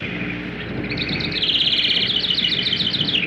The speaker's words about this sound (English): The two wrens in our yard, the house and the Carolina, do not sound much alike. The Carolina wren sounds like a small bugle. The song of the house wren is bubbling.